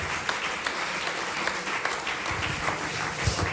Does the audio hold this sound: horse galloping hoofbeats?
no